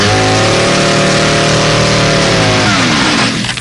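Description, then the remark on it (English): The small-car engine of an AMC Pacer revs up loudly, its rising harmonic whine climbing steadily for a few seconds before shifting and trailing off, with no voices over it. “Here's what AMC did to give you more small car.”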